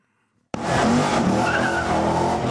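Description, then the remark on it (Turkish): A four-wheel-drive car with bad brakes, taken for a test drive, suddenly screeches its tires into a long, loud skid after a brief silence, the engine roaring underneath as the squeal holds steady. “Arabayla bir tur atın.”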